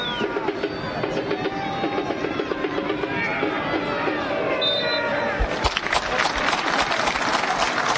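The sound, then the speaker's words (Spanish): A large crowd at the Tigre stadium applauds with the minute of silence for the death of Jorge Messi, father of Lionel Messi, before the Tigre–River match, amid a steady roar of voices, the clapping growing denser and louder in the second half, with scattered whistles carrying above the din. “Aplausos del estadio, los que tienen los bombos no se habían enterado en la platea, en la popular, algunos silbidos para eso.”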